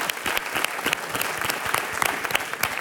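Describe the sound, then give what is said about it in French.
A crowd at a live show applauds an audience member invited up to join the performer, dense overlapping claps filling the whole stretch at a moderate, even loudness with no voices over it. “On peut l'applaudir.”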